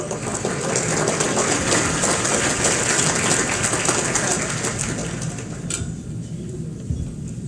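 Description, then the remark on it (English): An audience at the Akron Roundtable applauds steadily to welcome Trailhead's president and CEO, a dense crackling wash of many hands clapping at once that holds for about six seconds before thinning out and fading away. “Let's receive her with a round of applause.”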